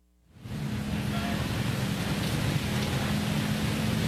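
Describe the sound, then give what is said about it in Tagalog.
Steady rain falls outdoors in Barangay Kutkut, Tarlac City, a dense, unbroken hiss with a low rumble underneath that starts abruptly and holds at an even, fairly loud level throughout, with no voices. “maulan pa rin ang panahon dito sa Barangay Kutkut dito sa Tarlac City.”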